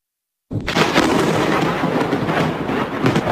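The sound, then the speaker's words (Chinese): After a brief silence, a sudden, loud crack of thunder bursts in during a thunderstorm, with lightning streaking across the sky, and keeps rumbling and crackling heavily without letup, with no voices. “画面中电闪雷鸣，一道道闪电划破天空。”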